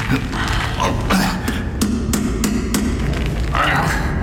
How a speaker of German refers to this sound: Die Tresortür klemmte. Obwohl sie nicht verschlossen ist. Wie gut, dass ich Hammer und Meißel dabei habe.